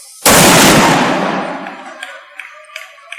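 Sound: loud explosion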